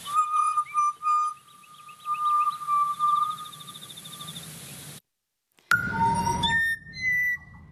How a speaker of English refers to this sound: The butcher bird there.